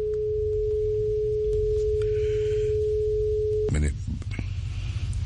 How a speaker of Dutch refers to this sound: Ja, soms moet je even goed kijken. Maar ja, het begint aardig te lopen hoor. De telefoon die gaat al over.